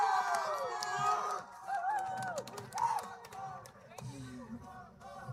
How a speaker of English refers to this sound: Thanks for coming to Battle of the Bands. Yeah. Can we get a big round of applause for all the bands before us?